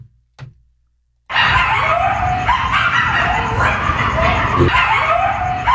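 A pack of dozens of coyotes living at an abandoned construction site in a West Hollywood neighborhood howls and yips together in a dense, overlapping chorus of rising and wavering high-pitched cries, loud and sustained after a brief quiet start with a faint click.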